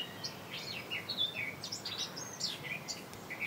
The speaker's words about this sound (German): Und Platz 3 haben wir auch noch, das ist die Mönchsgrasmücke.